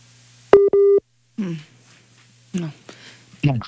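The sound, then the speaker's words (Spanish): A telephone busy tone sounds after a dropped call with Senator Didier Lobo during an interview: two loud, steady, mid-pitched beeps with a short gap between them, followed by a voice speaking in bursts. “Senador, bueno, vamos a intentar recuperar la llamada con el senador Didier Lobo, pero antes, entonces, vamos a hacerle otra pregunta al representante Mauricio Toro.”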